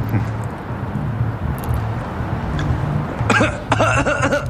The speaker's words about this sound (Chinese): 你们怎么都不咳嗽啊？ 咳嗽什么？ 你没听说过半夜在外面尿尿你要咳嗽一下，提醒路过的神仙精怪请人家避一避。